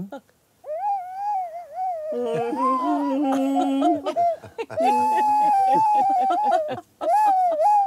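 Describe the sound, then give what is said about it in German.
A flute plays a slow, mournful farewell tune of long, wavering mid-pitched notes. A lower, reedy second line joins partway through, and the melody continues with brief pauses between phrases. “Und dann habe ich diese Flöte gefunden.”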